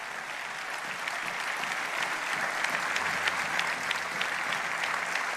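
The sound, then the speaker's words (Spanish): An audience claps steadily for Jesus, a dense, continuous wash of many hands at moderate loudness, with sharper individual claps popping out and no speech over it. “Vamos, denle un fuerte aplauso a Jesús en este día.”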